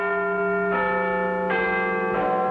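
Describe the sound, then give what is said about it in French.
The Big Ben bell in London tolls the hour slowly, each deep, resonant strike ringing out with long overlapping harmonics, about three strikes heard at a steady pace with no voices; its distinctive tone comes from a crack in the bell. “Le 31 mai 1859, pour la première fois, la fameuse cloche de Big Ben donne l'heure à Londres.”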